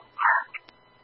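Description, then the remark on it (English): A dog gives one short, fairly loud bark followed by a quick, softer yip from the back seat of a vehicle, with a faint click afterward. People are trying to get the dog out of the back seat. “Did you have that dog off yet?”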